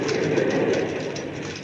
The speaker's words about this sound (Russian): Мы будем ездить со всеми советскими удобствами в красном трамвае.